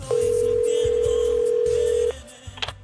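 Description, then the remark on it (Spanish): A telephone rings with one steady electronic tone that holds for about two seconds and then cuts off abruptly, sounding clear over a faint low background. “Y de repente suena el teléfono.”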